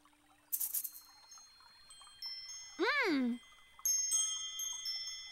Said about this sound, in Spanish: ¡Oh! ¡Son las campanillas ruidosas!